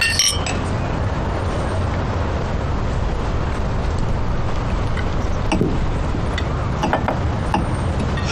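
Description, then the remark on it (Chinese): Glasses clink together in a toast to communism, a few bright, sharp chinks standing out near the end over a steady background hiss, with no talking. “来，干杯，干杯。”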